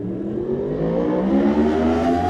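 The engine of racing motorcycle number 44, Tom Robinson on the Pete Stacey Racing R1 Yamaha, revs hard as he sets off, its pitch climbing steadily as it pulls away. The roar stays loud throughout, with no voices.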